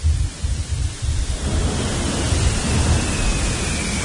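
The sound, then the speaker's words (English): Underwater ice fracturing from some distance away: deep rumbling booms pulse beneath a constant hissing wash, then the rumble thickens into a continuous low roar with faint crackling texture. No voices. “And so if you listen long enough, you will hear this, like, boom and a crack and a boom from some distance away.”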